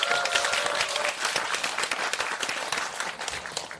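Sustained applause from an audience, a dense wash of many hands clapping at a steady, fairly loud level throughout, with a faint tonal hum in the first second.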